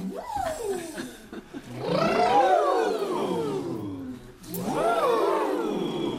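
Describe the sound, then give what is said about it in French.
Deep, drawn-out harmonic calls from a herd of elephants, several long rumbling bellows that rise and fall in pitch, loud, with no talking. “Et ce matin, j'ai croisé un troupeau d'éléphants.”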